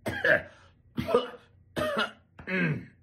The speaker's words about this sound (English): I couldn't get that one out without coughing.